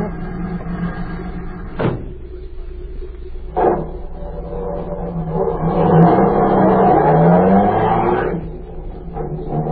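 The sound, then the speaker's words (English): Two sharp thuds like car doors shutting, then a car engine rumbles up, revs rising and droning for a few seconds before easing off as the vehicle pulls away. “I've got a car waiting.”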